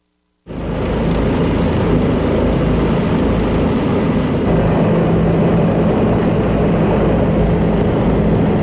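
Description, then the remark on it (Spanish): A Bell 407 helicopter of the Mexican Air Force flies over Mexico's capital in the 16 September military air parade, its rotor and turbine engine roaring loudly, starting abruptly and holding a steady, dense throb with a low pulsing drone throughout, no voices. “Es el helicóptero Bell 407 de la Fuerza Aérea Mexicana, el destino, el corazón de la capital, el motivo, custodiar el cielo en este 16 de septiembre.”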